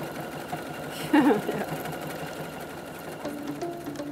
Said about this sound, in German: Schnurrt sie wieder, ne? Die Kätzchen. Ja.